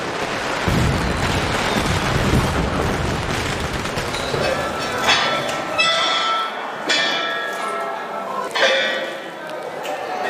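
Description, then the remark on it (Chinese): Firecrackers set off by villagers along the road during a Spring Festival dragon parade go off in a dense, continuous, loud crackling barrage, then thin out into a few sharp separate bangs in the last seconds. “每逢鞭炮声响起，游龙便要停下来，为父老乡亲献上表演，将气氛推向高潮。”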